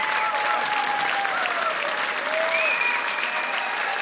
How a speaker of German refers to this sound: Applaus für Daniel Lazar, Geige, und Almir Mieszkowicz, Akkordeon, beim Rudolstadt-Festival am 6. Juli 2025.